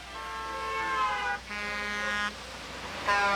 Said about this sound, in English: The cars kept speeding by and honking.